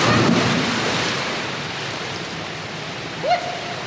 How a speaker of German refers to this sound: Ihre Arme sind an ihrem Körper gestreckt und mit beiden Füßen voran taucht sie ins Wasser.